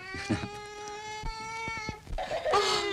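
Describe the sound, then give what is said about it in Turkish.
A baby cries in a long, steady, high-pitched wail lasting about two seconds, then breaks into a shorter, rougher cry. No one speaks. “Gözünün yaşını sevsinler seni.”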